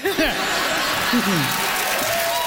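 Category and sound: crowd, crowd applause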